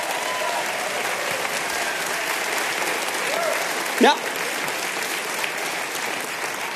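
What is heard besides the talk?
audience applause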